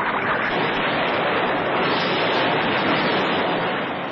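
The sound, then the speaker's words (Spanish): A steady, loud roar of rough sea water churns without pause, a dense rushing wash of waves with no voices or other distinct sounds over it. “Unos instantes antes de que la moderna lancha recibiera otro tremendo y certero impacto del cañón enemigo, Calimán ha arrojado a Solín a las revueltas aguas del mar.”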